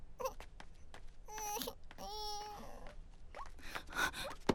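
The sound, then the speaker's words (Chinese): A baby cries in fitful, wavering wails and whimpers, fairly loud, with short breathy gasps between the bursts. “宝宝不哭了哦。”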